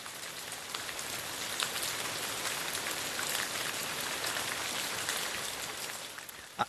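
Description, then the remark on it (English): Steady, hissing spray of water like a rain shower, a dense wash of fine droplets that stays even and fairly loud throughout, with a few brighter patters and no voices. “I know what this sound is, or what it's supposed to be, but it does sound like I'm in the shower right now. If you have one of those fancy rain shower heads.”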